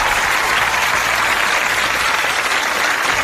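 Audience applause fills the whole stretch, a steady dense clatter of many hands clapping at a loud, even level with no voices on top.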